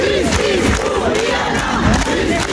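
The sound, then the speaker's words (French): A crowd of about 2000 people shouting and chanting together outside the courthouse in Toulouse, with cries, tears and anger, a loud, continuous wall of overlapping voices with rising and falling cries and no single speaker standing out. “2000 personnes également à Toulouse devant le palais de justice avec des cris, des larmes et de la colère.”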